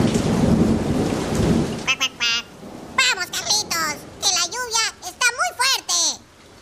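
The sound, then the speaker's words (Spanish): Heavy rain pours down with a deep thunder rumble for a couple of seconds, soaking two children out walking, then cuts away as excited children's voices shout and talk in quick bursts. “se largó una lluvia muy fuerte y los chicos se mojaron todo.”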